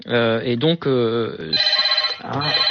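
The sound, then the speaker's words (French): A telephone in a hotel room in Cannes rings in two rapid trilling bursts with a short gap between them, fairly loud, just after a man's voice speaking at the start. “Je suis dans une chambre d'hôtel et j'ai mon téléphone.”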